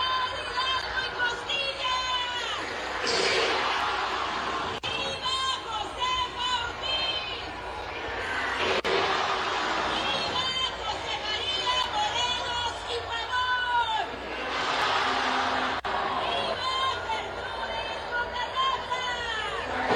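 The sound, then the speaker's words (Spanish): A large outdoor crowd murmurs and chatters at the grito led by Marina del Pilar in Baja California while someone shouts rallying calls; the responses come back scattered and half-hearted, a few brief swells of voices rather than a unified roar. “No, está la gente literalmente ni siquiera respondiendo las arengas, ¿eh?”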